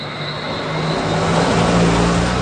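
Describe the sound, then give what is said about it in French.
A car engine labors steadily up a steep road to Soufrière, a small village in southern Dominica on the Caribbean Sea surrounded by cliffs and forest, its low hum climbing slightly in pitch as the vehicle pushes on, fairly loud with road noise and no voices. “Il faut des bons freins pour venir à Soufrières.”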